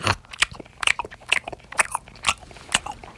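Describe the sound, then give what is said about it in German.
A voice imitates a koala chewing eucalyptus leaves, with a run of wet, crunchy bites and smacks in an uneven rhythm, about eight sharp bursts over a few seconds, fairly loud and with no talking. “Ah, der sitzt faul in der Ecke und isst irgendwas, ja? Der isst Eukalyptusblätter.”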